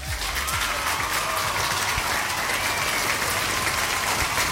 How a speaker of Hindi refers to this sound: तो दोनों आंसर्स सही है, तो आप दोनों के लिए यहाँ पे स्पेशली बजाएंगे भाई तालियां।